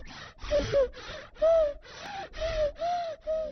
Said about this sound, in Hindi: ये है मेरे बच्चे की आवाज जब उसको सांस में तकलीफ है। और अब जानती हूँ, अगर खांसी जुकाम के साथ तेज सांस या पसली चलने लगे तो ये निमोनिया के लक्षण हैं।